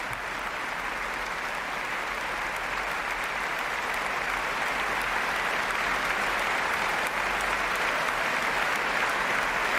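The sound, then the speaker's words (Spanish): Sustained applause from a large audience after a concert by the Orquesta Nacional with violinist Valerie Steinkamp, who bows, applauds the orchestra and receives a bouquet of flowers; a dense, steady wash of clapping that holds at an even, fairly loud level for the whole stretch with no voices standing out. “Valerie Steinkamp, que ahora aplaude a sus compañeros de la Orquesta Nacional y recibe un ramo de flores.”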